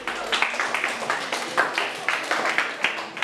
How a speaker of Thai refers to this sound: โอ้สิงห์บุรีเก่งมากๆเลยครับถูกต้องปรบมือเพื่อนเพื่อนหน่อย